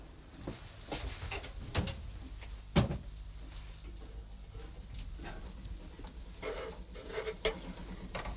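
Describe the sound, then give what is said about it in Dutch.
An oven door is opened to check on baking cookies, with a few clunks and one sharper metallic thud, followed by quieter handling clatter and rustling, with no talking. “zal nog eventjes checken nu in mijn oven hoe dat daar zit met die koekjes.”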